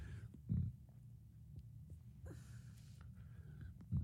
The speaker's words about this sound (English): Excuse me. Man. My sinuses with this allergies. I'm back in the pollen, so I'm trying to hold back a couple of sneezes. So that's what the pause is for, so my apologies.